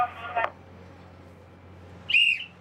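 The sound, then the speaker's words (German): A naval boatswain's pipe on a warship sounds a salute toward the memorial at Laboe, a shrill, high whistle twice: a brief burst near the start, then a longer, steady piercing note near the end, with a low hum running underneath throughout. “Jedes Mal, wenn wir ein- und auslaufen, machen wir die Ehrweisung nach Laboe, eine Front pfeifen, die Kriegsschiffe.”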